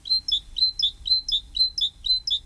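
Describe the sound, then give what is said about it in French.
A great tit sings its repetitive two-note phrase, a bright see-saw call repeated about eight times in quick steady rhythm, clear over a faint low rumble. “Autre oiseau extrêmement commun un peu partout, il n'y a pas besoin d'aller à Ouyès pour ça, c'est la mésange charbonnière, bien sûr.”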